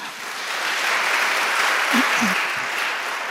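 Sustained applause from an audience welcoming a professor, a climate economist, a dense, steady wash of many hands clapping at even loudness for a few seconds, with a brief low voice murmur partway through.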